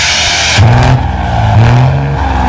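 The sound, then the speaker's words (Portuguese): A truck engine accelerating and revving loudly, with two rising surges of engine pitch and a steady mechanical roar throughout, no voices heard. “Sai da frente, joga pra direita que o homem tá acelerado aí, ó.”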